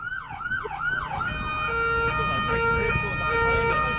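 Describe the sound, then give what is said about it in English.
A Wellington Free Ambulance siren wails loud, opening with rapid rising-and-falling sweeps before shifting to a steadier, higher-pitched two-tone pattern over a low rumble of traffic. “I'm going to take you out with an ambulance siren.”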